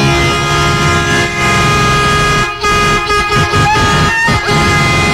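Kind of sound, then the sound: vehicle, loud air horn blast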